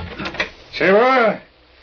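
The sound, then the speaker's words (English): A front door opens: a few quick clicks of a latch, then a long creaking groan from the hinges that swells and fades away. “And then I'd barely gotten upstairs when I heard the front door open.”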